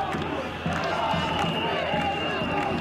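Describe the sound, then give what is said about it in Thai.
A dense, loud outdoor crowd of thousands of Albanians marching in protest on the streets of central Tirana, Albania, against a luxury resort construction project, with many overlapping voices and steady rhythmic pulses like chanting or clapping, filling the whole stretch with a continuous street-protest roar. “ชาวแอลเบเนียหลายพันคนเดินขบวนประท้วงบนท้องถนนใจกลางกรุงติราน่า”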